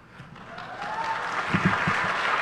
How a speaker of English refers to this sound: Don't cheer for that. The pandemic's over, people.